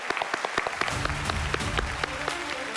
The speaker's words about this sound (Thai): เอาปรบมือให้ตัวเองหน่อยครับ